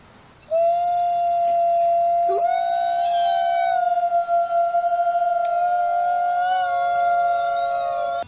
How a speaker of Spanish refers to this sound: Los lobos aúllan como una forma de comunicarse con otros lobos. Los lobos aúllan cuando se reúnen para cazar, llorar, comunicarse con otra manada de lobos o cuando un miembro de la manada se ha separado.